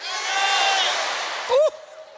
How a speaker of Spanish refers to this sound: A las tres quiero que todos griten su nombre con las manos en alto, porque tu nombre está escrito en los cielos. Todas las manos arriba, vamos a hablar. ¿Listos? Fuerte. Una, dos, tres.